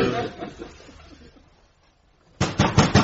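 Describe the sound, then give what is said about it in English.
Heavy banging on Aristophanes' wooden door, Plato urged to bang harder: a burst of loud thuds fades out, a short quiet gap follows, then the pounding resumes hard in a rapid series of blows. “Open up! Bang it harder, Plato!”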